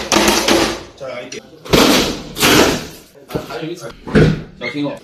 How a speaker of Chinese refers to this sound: 经勘查，这个卧室门为隐形门，无法撬锁。消防员在征得户主同意后，先用撬棍将门缝撬开，再用手动液压开门器将门顶开。